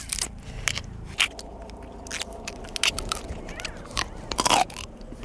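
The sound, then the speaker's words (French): Crisp crunching as someone bites into a raw Provence purple artichoke, eaten plain with its outer leaves removed, and chews, with sharp irregular crackles spread across a few seconds and no talking. “C'est croquant, c'est sucré, il y a une légère amertume.”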